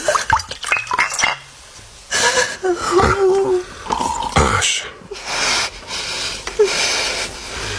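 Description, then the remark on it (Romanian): A woman drinks a glass of water: a glass clinks, then come hurried gulps and swallows broken by breathy gasps, with a few more faint clinks of glassware. “Uite, hai, bea un pahar cu apă mai întâi.”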